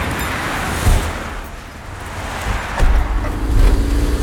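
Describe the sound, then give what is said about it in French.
Steady motorway traffic roar in the Languedoc district of France, with several vehicles whooshing past, each pass swelling louder before fading back into the constant rush, with wind buffeting in the background. “Je ramasse l'obstacle, je marche à marche arrière et j'ai les yeux rivés sur la circulation.”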